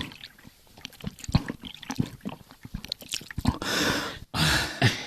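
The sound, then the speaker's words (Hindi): Water pours from a water-seller's skin bag while a thirsty person gulps and swallows on a hot day, with wet slurping and throat sounds, ending in a louder rushing splash of liquid. “इतनी प्यास लगी है, जरा पानी पिलाओ, गला सूख रहा है।”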